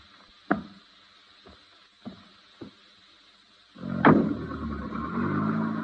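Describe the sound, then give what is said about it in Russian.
A few dull car door thuds, then an engine turns over with a loud burst and settles into a steady idle rumble. No one speaks. “Машина вас ждет.”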